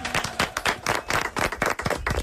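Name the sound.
loud applause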